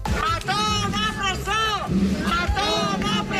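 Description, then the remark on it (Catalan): A large protest crowd in València chants in unison at a new demonstration by associations of victims of the Dana, demanding that former president Carlos Mazón give up his seat as deputy and appear before the Dana judge. Voices rise and fall in repeated rhythmic phrases, loud and continuous, with a dense low rumble of many people underneath. “A València, un crit que és ja un clàssic. Nova manifestació de les associacions de víctimes de la Dana.”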